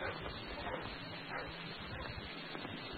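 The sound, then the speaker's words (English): A dog at King's Pyland barks and yips repeatedly in quick, uneven bursts, sounding somewhat muffled against a steady rushing background noise. “Just wait till I set the dog free.”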